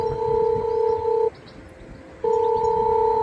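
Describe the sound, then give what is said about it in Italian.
An intercom ringing tone sounds in two steady electronic beeps, each about a second long with a pause between, fairly loud and clear over faint background noise. “Chiamata inoltrata, attenta.”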